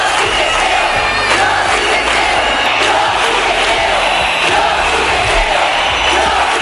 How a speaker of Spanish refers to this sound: Al grito de "Yo sí te creo", la calle dejó claro que era el momento de iniciar un cambio en la forma en que todos percibíamos la violencia sexual.